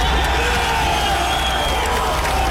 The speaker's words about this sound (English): And then here comes the chant. Here comes the pride, that American pride.